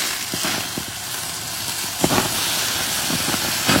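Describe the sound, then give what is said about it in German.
A huge porterhouse steak sizzles steadily in a hot pan, a constant hissing fry dotted with occasional soft pops and crackles, with no voices. “Brutzelt hier so vor sich hin.”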